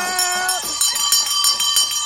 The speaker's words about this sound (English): Wake up, bright, wake up, shiny, wake up. Shiny, it's the morning bell.